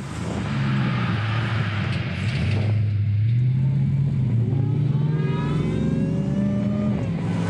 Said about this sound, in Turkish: Sesi güzel. Bu motorun uğultusuna bayılırım. Çok güzel.